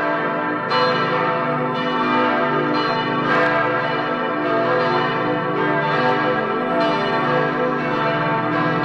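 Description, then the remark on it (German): A full peal of church bells, the largest weighing almost 3 tonnes, all ringing together as on holidays such as Easter, rings loudly and continuously, several bells overlapping so their tones blend into a dense, shimmering wash with fresh strikes every few seconds. No one speaks. “Da können wir uns also noch am österlichen Glockenklang freuen.”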